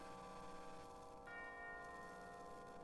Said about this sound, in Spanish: Es una obra para cuatro juegos de campanas, trompetas y trombones, escrita hacia 1901.